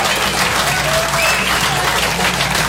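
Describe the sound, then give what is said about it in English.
Steady, dense applause from a sizable stand-up comedy audience fills the whole stretch, a continuous wash of clapping at a loud, even level with no talking over it. “That's a good crowd right there.”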